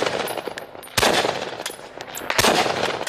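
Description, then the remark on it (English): Bursts of heavy machine gun fire crack out in rapid succession, with two especially loud, sharp blasts standing out amid sustained rattling reports and noisy reverberation; no one speaks. “Drones also target heavy gunfire.”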